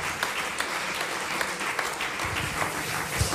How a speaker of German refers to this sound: Und da sagen wir mal großen Applaus bitte für unsere Technik heute Abend.